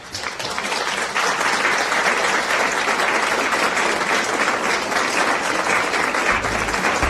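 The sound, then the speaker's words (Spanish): A crowd breaks into steady, dense applause that holds at a loud, even level for several seconds, many hands clapping together with no voices standing out. “Es harina de trigo y ustedes tienen aplausos.”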